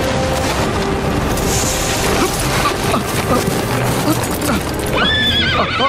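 A horse whinnies loudly and repeatedly over a steady, busy clatter of hooves while someone shouts for it to be stopped, with a sharp rising neigh near the end; the scene sounds chaotic.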